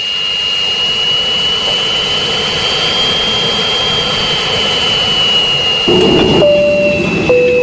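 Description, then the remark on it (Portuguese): A jet airplane engine roars steadily with a high, piercing whine held above the rumble; near the end, louder stepped tones rise out of the roar as the engine powers up. “Apertem os cintos e vamos decolar.”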